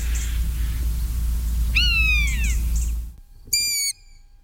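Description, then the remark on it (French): A common buzzard gives a drawn-out, downward-slurring mewing call over a steady low rumble, followed by a second, cleaner mew as the background noise drops away. “Le deuxième, c'est un rapace, c'est la buse variable, hein, le plus commun de tous nos rapaces.”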